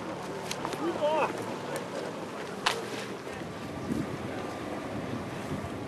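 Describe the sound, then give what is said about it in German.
Two outboard motors drone steadily on a river raft on the Elbe, braking the raft, mixed with rushing water and wind buffeting the microphone, while faint voices murmur in the background. “Sie halfen als kleinen Ersatz der Marco Polo, um das Floß auf der Elbe auszubremsen, gemeinsam mit unseren beiden Außenbordmotoren.”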